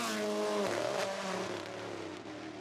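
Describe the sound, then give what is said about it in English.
Elvin's rally car's loud, buzzing engine roar drops sharply in pitch as it brakes early and hard for a right-hand corner on a rally stage, then settles into a lower, steady growl with no voices. “He was quite early on the brakes into that right-hander.”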